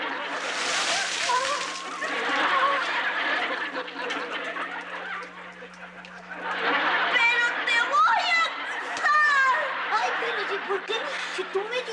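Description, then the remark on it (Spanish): Water is thrown onto someone and splashes noisily, a brief sloshing burst, followed by people chattering and snickering over the dripping. “Aguas, Popi, pues yo te eché agua.”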